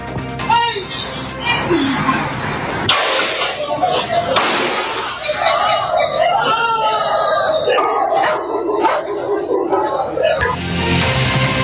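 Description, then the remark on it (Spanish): Several sharp gunshot cracks burst out over a noisy, muffled security-camera recording held by the Policía de Investigaciones, from an incident in the comuna of San Ramón, with dogs barking and people's voices continuing throughout. “Parte de este ambiente en la cual se ven o se escuchan estos disparos, bien digo,”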